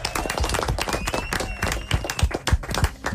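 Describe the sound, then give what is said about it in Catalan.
Strong applause from a crowd, a dense run of many hands clapping steadily for a few seconds, loud with no voices on top. “Molt bé, fort aplaudiment.”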